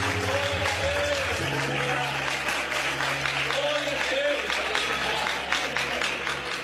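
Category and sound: crowd, audience applauding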